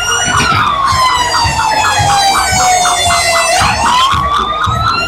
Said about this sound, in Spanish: Escuchan ustedes las bocinas, justamente. Sí, están de subir, ¿no? Estamos ya en la primera cuadra, en los primeros 100, 150 metros.